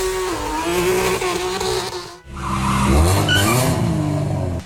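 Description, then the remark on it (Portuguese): Loud street racing car engines roar alongside a long, steady tire squeal; after a brief dip, engines rev hard again with more screeching tires. Street racing on the Marginal Pinheiros in São Paulo. No one speaks. “Mais de 30 carros são apreendidos em uma blitz contra rachas na marginal do Pinheiros.”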